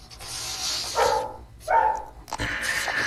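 A dog gives three short, sharp barks spaced about a second apart, over a steady background hiss, with no one talking.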